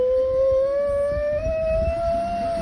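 A dog lets out one long, sustained howl that climbs slowly in pitch like a siren, loud and unbroken for the whole moment over a low rumbling background.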